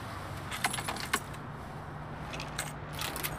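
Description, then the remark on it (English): Keys jangle in a few quick bright metallic bursts as they are handed over, over a low steady engine hum as if inside a car, with a last softer rattle near the end. “Give me the keys.”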